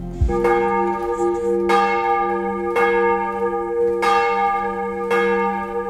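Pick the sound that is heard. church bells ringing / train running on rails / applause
church bells ringing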